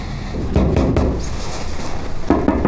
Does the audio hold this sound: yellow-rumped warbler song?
no